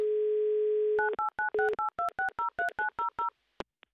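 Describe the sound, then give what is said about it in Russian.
A steady, low telephone dial tone hums for about a second, then breaks into a quick, even run of a dozen or so touch-tone dialing beeps, ending with two sharp clicks, as the Humor FM radio station calls a listener in Mineralnye Vody. No one speaks. “Номер набрали. Гудок имеется.”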